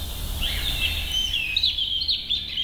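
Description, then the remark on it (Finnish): A European robin sings a thin, high, warbling phrase of quick trills and slurred notes, clear, with a soft low outdoor hum underneath. “Näin kertoi lempilinnustaan punarinnasta”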